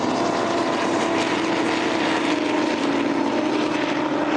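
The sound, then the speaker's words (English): A Pitts aerobatic airplane with a Lycoming AEIO 540 engine of about 360 horsepower roars steadily, a loud, continuous propeller drone with a gritty buzzing texture that holds level throughout, with no voices over it. “That Pitts aircraft has a Lycoming AEIO 540 engine, so he can crank up to about 360 horsepower right now with that engine.”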